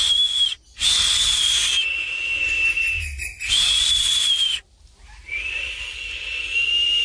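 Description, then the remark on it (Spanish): Toucans whistle from tree branches in the jungle in three long, steady high-pitched notes separated by brief pauses, each held for a second or more over a constant breathy hiss, fairly loud. “Los tucanes silbaban desde las ramas.”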